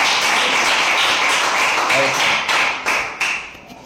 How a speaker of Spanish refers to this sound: Un aplauso.